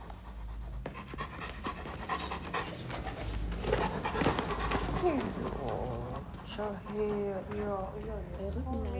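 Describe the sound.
A dog pants rapidly and steadily, quick breathy huffs repeating for several seconds, before a person starts talking toward the end.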